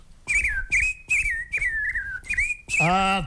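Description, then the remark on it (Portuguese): Someone whistles a birdlike call, five quick repeated chirping phrases with a falling slide, ending in a longer warbling trill; clear, with no talking. “Olha. Aquele passarinho, vá.”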